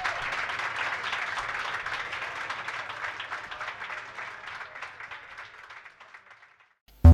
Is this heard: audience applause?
yes